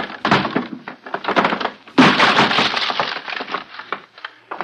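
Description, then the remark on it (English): Heavy wooden thuds and splintering cracks as a wooden door to a room is forced open, with a loud burst of breaking wood midway followed by scattered creaks and debris, with no talking. “Stand back! I'm going to break it open!”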